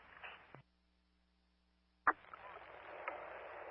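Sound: radio static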